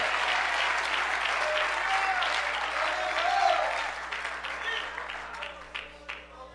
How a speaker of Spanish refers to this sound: Alguien le da un fuerte aplauso en agradecimiento a ese Dios.